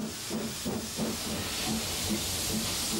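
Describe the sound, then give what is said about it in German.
A steam locomotive of the museum railway through the Hochwald at Losheim, Merzig district, Germany, hisses steadily and loudly, a dense rushing blast of steam with a faint low rhythmic pulsing underneath, continuing without any voices. “Per Dampf durch den Hochwald gilt schon längst als die Attraktion im Kreis Merzig.”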